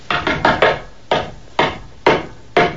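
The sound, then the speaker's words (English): Someone knocks on the back door: a quick run of four sharp raps, then four more spaced out slowly and evenly, each a dull, woody thud standing alone with no voices. “That's the back door. I'll get it.”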